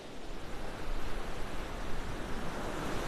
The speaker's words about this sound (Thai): ภายใต้คลื่นขนาดใหญ่ในทะเลเขตร้อนอันอบอุ่นมีสัตว์อันน่าทึ่งนี้อาศัยและออกล่า